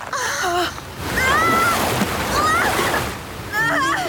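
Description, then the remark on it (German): Loud, rushing river water surges and splashes throughout, turbulent, as a person is swept away downstream after a safety rope snaps, while short high-pitched cries or gasps break over the torrent at the start, middle and end. “Mary wird vom Wasserstrom mitgerissen.”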